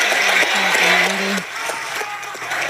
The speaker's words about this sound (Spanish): intervención súper aplaudida.